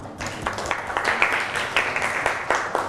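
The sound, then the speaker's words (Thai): A group of students claps together in a classroom, a steady burst of many hands applauding a classmate's answer at moderate loudness for a few seconds. “เปลือกบางยืดหยุ่นได้ใช่ไหมคะเก่งมากปรบมือให้เพื่อนค่ะ”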